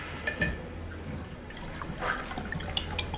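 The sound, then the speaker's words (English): Water pours into a glass with no ice, a steady gurgling trickle with a few brighter splashes, fairly quiet, with no voices. “Glass of water, please. No ice.”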